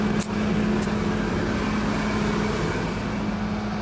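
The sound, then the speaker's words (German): A combine harvester drones steadily and loudly while unloading grain onto a trailer, its deep engine hum layered with a constant rushing hiss of grain pouring out, unbroken for the whole stretch with no voices. “Und jetzt raus mit den Körnern auf den Anhänger.”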